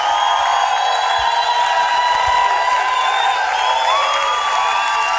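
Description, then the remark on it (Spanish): A large audience claps and cheers loudly and steadily throughout, applauding the Lord, a dense, continuous roar of applause with whoops rising above it. “es un fuerte aplauso al señor. ¡Con fuerza!”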